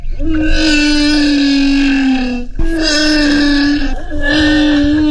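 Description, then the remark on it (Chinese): A real humpback whale calls in long, loud, droning moans rich in overtones, three sustained cries in a row, each sliding slightly in pitch, with no voices present; recorded by a photographer who dove into the sea. “这是座头鲸的真实叫声，是95后北京姑娘张静怡在汤家潜入海中录下的。”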